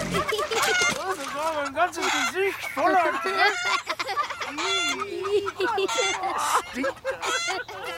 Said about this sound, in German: Vorsicht, hinter dir ist das Huhn mit dem braunen Flügel und dem weißen Kopf.